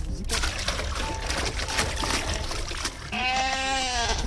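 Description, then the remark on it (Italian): A sheep lets out one loud, wavering bleat near the end, following a few seconds of steady splashing, pouring water noise as water is given to a flock of about ten sheep grazing in a chestnut grove in upper Sorengo, facing the church. “Cioè le sue pecore sono delle vere e proprie manutentrici del territorio.”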